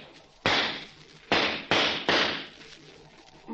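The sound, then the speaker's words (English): Four sharp pistol shots fired at a pine cone hanging from a tree ring out, a single crack followed by three fast ones in a tight burst, each loud and snappy with a brief ringing tail. No one speaks. “I can shoot fast as anybody. You see that pine cone hanging from that tree?”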